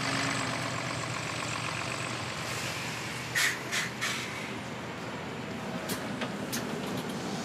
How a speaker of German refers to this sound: Ah, wie hab ich das gemacht? Na, super, oder was? Ich bin Bus gefahren.